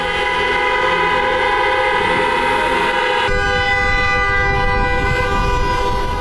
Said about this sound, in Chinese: 深秋的沈阳，细雨绵绵，寒意阵阵，上万名沈飞职工自发前来送行，同事们驾驶着私家车紧跟在灵车后面，一路鸣笛。